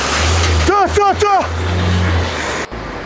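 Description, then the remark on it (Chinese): At the Ganqimaodu border port, heavy trucks on the customs clearance line roar in a steady low rumble beneath a loud, gusting gale that whips up coal dust and sand, while a hoarse voice cuts through with three short shouted calls early on. “风声、重卡的轰鸣声和一个沙哑的声音混杂在一起。”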